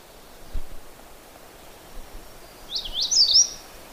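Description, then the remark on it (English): A magnolia warbler sings one short, high, slurred phrase near the end, fairly clear against a soft outdoor hiss with a few low thumps and rustles. No one speaks. “And magnolia warblers are kind of blue-gray on the back.”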